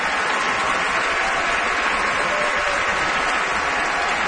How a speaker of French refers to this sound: And Isabelle Lenard is applauding him, and now she steps Isabelle forward. Isabelle Lenard, Frida, qui vient saluer la foule à son tour, et la foule qui salue, bien sûr, Frida.